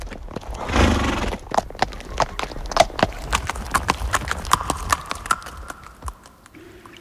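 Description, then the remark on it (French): The hooves of Kidiclope, a horse with long ears, clip-clop in a steady, brisk rhythm of sharp clicks, opening with a burst of louder noise and later joined by a faint sustained tone. “Kidiclope, cheval aux longues oreilles. Emporte-nous vers le silence du pôle Nord, le pays de la neige.”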